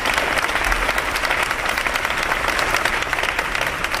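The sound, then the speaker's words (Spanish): Sustained applause from a group of Más Madrid and PSOE deputies, ending a minute of silence held in the outer atrium of the parliamentary chamber: dense rapid clapping at a steady loud level throughout, with no voices standing out. “Sí, en el minuto de silencio que una representación de diputados de Más Madrid y PSOE, ausencia de PP y Vox, han guardado en el atrio exterior de esta Cámara y que ha terminado con esta ovación.”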